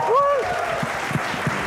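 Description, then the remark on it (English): An audience applauds the Chef of the Year winner, chef Manu Chandra, at a restaurant awards ceremony in India, in a steady wash of clapping, with a short rising whistle-like tone at the start and a few duller thumps underneath. “Huge round of applause for Chef Manu Chandra.”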